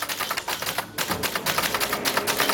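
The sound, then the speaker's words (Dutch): Rapid, irregular clacking as people hammer the keys of orange mechanical typewriters set up in the library in Zwolle, a dense stream of sharp strikes with no pauses, fairly loud, with no voices. “Hij zette in de bibliotheek in Zwolle een hele rits oranje typemachines neer waar mensen lekker op kunnen rammen op die toetsen.”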